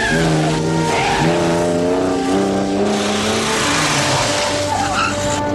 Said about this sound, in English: The woman speeds off in Bond's car.